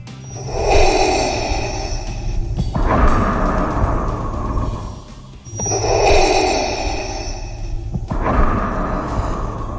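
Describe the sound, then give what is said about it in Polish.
Heavy, wheezing mechanical breathing through a respirator, slow hissing inhales alternating with rasping exhales, about two full cycles, loud with no voices. “Aplikacja czeka na pełne, jak powiedziałem, odpowiedzi na to pytanie, czyim tatą jest ten sapiący pan?”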